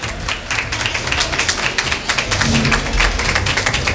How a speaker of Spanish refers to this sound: Están aplaudiendo en ese colegio electoral. Y este es el sonido que tiene.